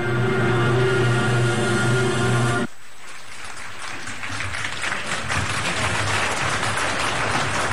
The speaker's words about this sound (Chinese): 加上乐队音乐的烘托，长征组歌的精神内涵和艺术之美被演绎得淋漓尽致，赢得了现场观众的热烈掌声。